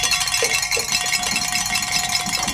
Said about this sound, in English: And gentlemen, I'm getting the good word. We can ring some bells and celebrate here. Great.